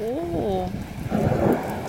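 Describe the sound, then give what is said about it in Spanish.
Steady rain falling in Córdoba, hissing and pattering throughout, fairly soft and diffuse, swelling a little midway; a voice speaks briefly at the start over the rain. “Se escucha la lluvia.”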